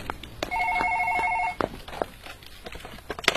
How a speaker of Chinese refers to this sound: 刑警803的办公室里，大家都各自忙着手头的工作。值班人员打来的一通电话，打破了办公室的宁静。